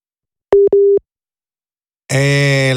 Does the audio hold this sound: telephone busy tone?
yes